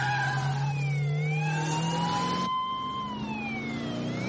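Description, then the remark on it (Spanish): A family car's engine revs loudly and continuously, its pitch climbing, dipping and climbing again, with a high whining tone over it that could be tyres squealing. No one speaks. “¡Pisa fondo! ¿Qué dices? Este es un coche familiar.”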